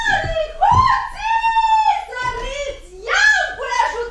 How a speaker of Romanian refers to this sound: Ce țipi așa, femeie? Ce țipi așa, dragă?